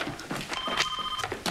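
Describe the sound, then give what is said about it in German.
A telephone rings once with a steady electronic tone, moderately loud, over a busy background of faint shuffling and indistinct noise, on a hospital surgical ward. “Telefon.”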